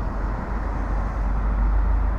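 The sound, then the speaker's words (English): Steady, dense traffic jam rumble with a heavy low-frequency drone, like many idling and creeping cars packed together, continuous and fairly loud throughout with no voices. “It's a traffic jam.”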